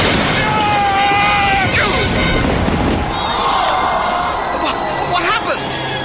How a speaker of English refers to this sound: His chariot hit the turning post. He's been flung across the turn and into the path of the Jew's chariot!